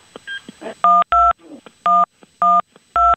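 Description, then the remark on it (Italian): A telephone number is dialed to call the local police, with a quick series of loud, steady two-tone beeps, five evenly spaced tones, preceded by faint clicks and handling noise, with no one talking. “Ora hanno composto il numero”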